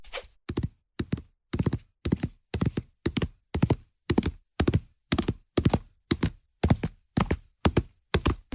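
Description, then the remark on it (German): Hooves clop steadily on a hard floor in a stable, a horse walking in an even, unhurried rhythm with paired knocks repeating throughout, no voices present. “Ich sehe hier gerade schon reges Treiben im Stall.”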